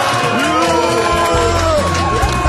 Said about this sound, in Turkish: Evet, yuhalamak ister misiniz? Efekt var bende.